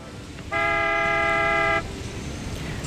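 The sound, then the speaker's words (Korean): A train horn sounds one long, steady blast of about a second, loud, over a low rumbling background of a train running on rails, travelling from Daejeon to Seoul, South Korea. No one speaks. “그렇게 할머니는 혼자 대전에서 서울까지 기차를 타고 가셨대요.”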